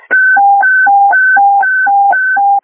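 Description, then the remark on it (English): A loud electronic warble alert alternating rapidly between a high and a low tone, repeating steadily about every half second, with no voices. It is a radio evacuation signal requested from fire dispatch to order everyone out of a burning structure on Lake Road after a partial collapse. “Fire dispatch, we need wobble tones.”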